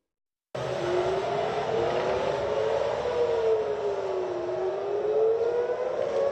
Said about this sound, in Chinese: 8号清晨，以色列特拉维夫响起警报。以色列国防军称监测到一枚从也门射向以色列的导弹，导弹随后被拦截。